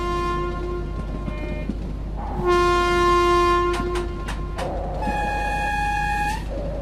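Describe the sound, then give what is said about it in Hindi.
A mail train rumbles steadily along while its horn sounds in long, loud blasts, with a second horn call near the end over the continuous rolling noise of the wheels. “बिहपुर में ये डाक गाड़ी रुकती है या नहीं?”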